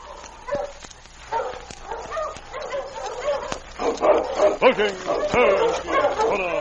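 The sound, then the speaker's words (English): Sergeant Preston's team of sled dogs, led by his big lead dog King, barks and yips excitedly as it stops in front of Sam's cabin, overlapping sharp barks rising into a dense, noisy chorus that grows louder and busier toward the end. “When Sergeant Preston stopped his team in front of Sam's cabin, King, his big lead dog, walked at his side toward the door.”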